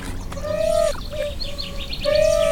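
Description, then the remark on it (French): Birds chirp and whistle: a few clear, sustained whistled notes recur, with faint, quick higher chirps scattered through the background. No one speaks. “C'est génial parce que vous avez les oiseaux qui participent au son.”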